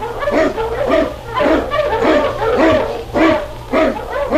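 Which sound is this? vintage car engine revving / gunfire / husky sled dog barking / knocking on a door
husky sled dog barking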